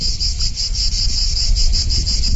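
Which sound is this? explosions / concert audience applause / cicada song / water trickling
cicada song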